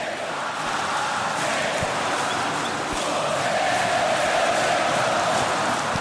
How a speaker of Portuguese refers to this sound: Aqui ele está fazendo 6 num jogo só, no Maracanã, lotado. E a torcida cantando, ó.